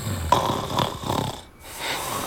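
A man asleep on a living-room sofa snores, a series of rough, rattling breaths rising and falling in a steady rhythm, with a brief quiet pause between snores.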